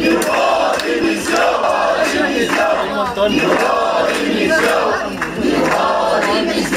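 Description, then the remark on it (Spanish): About a hundred protesting teachers inside the Serveis Territorials d'Educació buildings in Barcelona, Catalonia, shout demanding the resignation of the consellera Esther Niubó, rhythmic chanting rising and falling in loud waves over a constant roar of voices, with occasional sharper cries cutting through. “Inclusive un centenar acaba de entrar en los edificios dels Serveis Territorials d'Educació de Barcelona a gritos solicitando la dimisión de la consellera Esther Niubó.”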